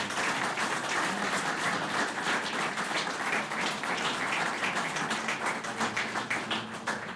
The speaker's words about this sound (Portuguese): Uma salva de palmas para o Raul Alberto Pavão Ferreira.